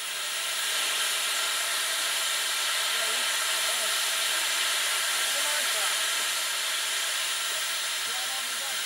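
steam locomotive hissing

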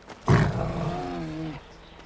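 bear roaring

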